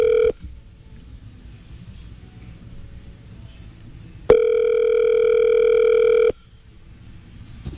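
A telephone tone sounds while a call is placed over WhatsApp: a brief steady electronic beep, a long pause of faint background noise, then a loud, even, mid-pitched tone lasting about two seconds before cutting off.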